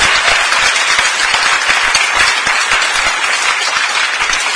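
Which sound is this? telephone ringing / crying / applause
applause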